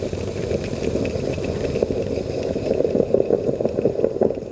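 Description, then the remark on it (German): A stovetop Bialetti moka pot coffee maker gurgles and hisses steadily, a dense rumbling burble with irregular little bubbling pops that grow slightly louder and busier toward the end. No one speaks. “Dieses Geräusch ist der Klang meiner Bialetti-Kaffeemaschine und es bedeutet sehr viel für mich.”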